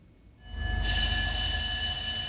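A loud, continuous electronic battle alarm blares after a brief quiet start, its piercing steady tone swelling and then holding over a low mechanical rumble, sounding in the early morning on a China Coast Guard ship formation (Dong'an, Daji, Ganquan) during a law-enforcement drill near Huangyan Island.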